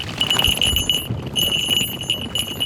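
Small bells on the legs of a Harris's hawk from Mexico jingle continuously in a bright, high-pitched shimmer, pulsing irregularly as they shake, over a low rumbling background with no talk, at the park of a hotel in Zelena Laguna.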